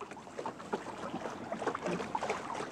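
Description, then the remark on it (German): A sailing ship underway in a good breeze on its way home from Glücksburg, with a steady rush of wind and water washing along the hull, continuous, with small splashes rising and falling throughout; ideal wind for setting all sails at a good cruising speed. “Das hier ist jetzt zum Beispiel traumhafter Wind, um wirklich alle Lappen hochzuziehen und mit einer schönen Reisegeschwindigkeit voranzukommen.”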